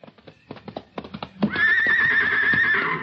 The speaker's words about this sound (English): I'm sorry I can't give you this heavy one. It's for Sammy. The horse? Sure. Come here, Sammy.